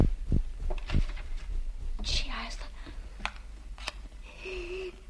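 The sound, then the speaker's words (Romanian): Keys clink and a desk drawer slides open, with a string of sharp clicks, scrapes and rattles at uneven intervals. Faint whispering runs underneath. “Umblă cu niște chei. La birou. La sertar. A deschis.”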